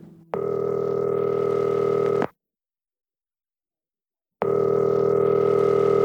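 A phone line rings on an outgoing call made from a small-town jail: two steady electronic ringback tones, each about two seconds long, separated by a long silent gap. Clear and fairly loud, with no voices.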